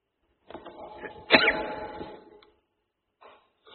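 A single sneeze: a short rising intake of breath breaks into one sharp, explosive burst that trails off over a second, followed by quiet and a faint rustle.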